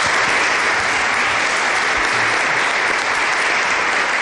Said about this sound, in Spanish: Como siempre, soy Nacho Ares, les doy de nuevo la bienvenida a Ser Historia y me gustaría escuchar ese aplauso caluroso de la gente de Orihuela a este inicio de Ser Historia.